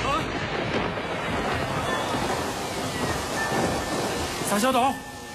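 Heavy rain pours down in a steady, dense hiss that fills the whole scene, with a brief wavering vocal cry rising over it near the end.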